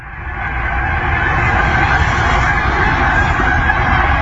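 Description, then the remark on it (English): A huge flock of geese honks overhead, flying over a house in autumn, in a dense, overlapping chorus that swells in during the first half second, then holds loud and steady with no one speaking; the honking went on for about 10 minutes. “We'll call this one the geese apocalypse.”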